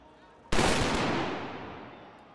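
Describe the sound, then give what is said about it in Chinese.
A single loud black powder gunshot cracks out after a quiet start, its broad boom lingering and slowly fading over the following two seconds, fired as a salute by men in traditional Bavarian dress before the Bavaria statue at the closing ceremony of the 191st Munich Oktoberfest. “闭幕仪式现场，约60名身穿巴伐利亚传统服饰的男女站在巴伐利亚雕像的台阶上，两旁有人手持旗帜，身着传统装束的男子接连鸣响黑火药枪，以隆重的仪式宣告本届盛会结束。”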